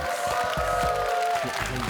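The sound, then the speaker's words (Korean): Steady applause from an audience for a team that has just sung and danced on stage fills the whole moment, a dense patter of many hands clapping at once with a faint sustained tone running underneath. “다시 한번 큰 박수 부탁드리겠습니다.”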